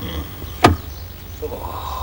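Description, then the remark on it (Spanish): At night, a car door parked in front of a house unlatches with a single sharp click as a man inside opens it for a woman, followed by a faint low rumble and quiet shuffling; no one speaks. “Le abre la puerta.”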